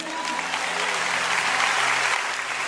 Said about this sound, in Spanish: ¿Puede aplaudirle?